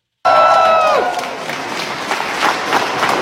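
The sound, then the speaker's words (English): A large audience claps and cheers for Ms. Pillay on her winning the Nobel Prize, in a dense, sustained wash of applause that starts abruptly, with a brief tonal cry or whistle over the opening moment before the clapping carries on steadily. “If you clap a little bit more, I may share this prize with Trump.”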